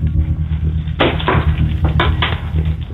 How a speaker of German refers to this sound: Und das beweist uns einmal bitte, indem du dir einen Schlüssel schnappst und den so klimperst. Okay, ich gehe jetzt vom Wohnzimmer in den Eingangsbereich. Ich mache jetzt die Schublade auf, wo die Schlüssel drin sind und...